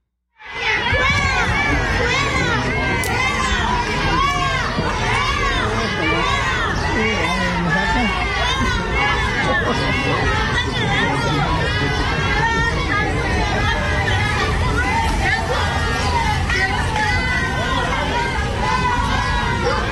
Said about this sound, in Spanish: Así, esto fue en muchos barrios, se replicó este de fuera, fuera Morena, y gritaban en las calles el día de ayer allá en Coahuila.